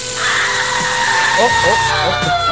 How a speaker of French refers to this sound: Oh. Excusez-moi, j'ai dû me tromper, ça c'est le micro-ondes.